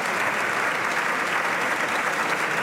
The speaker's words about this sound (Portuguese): Dulcineia Moura, deputada do PSD, a receber os aplausos da bancada, claro.